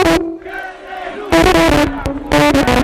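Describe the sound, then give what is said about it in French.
A crowd of protest marchers in La Paz, Bolivia, many of them supporters of former president Evo Morales, chants loudly against the government's neoliberal policies in rhythmic bursts, voices rising together in repeated phrases with a sustained, droning shout held between the louder surges. “Hier, une marche est arrivée dans la capitale pour s'opposer aux politiques néolibérales du gouvernement et avec dans la foule de nombreux partisans de l'ancien président Evo Morales.”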